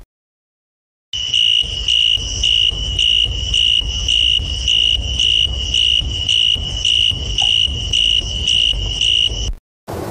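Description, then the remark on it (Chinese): A bamboo cricket chirps loudly in a steady, piercing trill, often heard at night, pulsing in rapid regular bursts for about eight seconds before stopping abruptly, with a faint low rumble underneath. “晚上我们在散步的时候，经常会听到一种虫子发出的声音很有穿透力，它不是蝉，也不是蟋蟀，而是竹蛉。”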